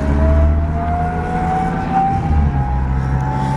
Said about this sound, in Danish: det støjer så meget, når man sidder inde i sådan en pansret mandskabsvogn